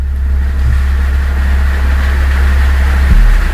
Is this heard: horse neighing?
no